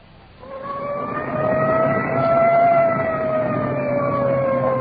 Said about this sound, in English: Arriving at the scene of the crash. Siren clearing a path through the traffic.